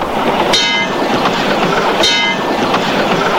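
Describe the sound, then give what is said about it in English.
A subway train rattles loudly along the tracks in a steady roar, with two sharp metallic clacks or screeches about a second and a half apart. No voices are heard. “And riding on subways.”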